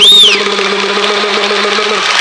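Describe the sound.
A voice imitates tires rolling over little metal rumble strips in a highway lane: a brief high squeal, then a steady, loud buzzing drone that holds for about two seconds.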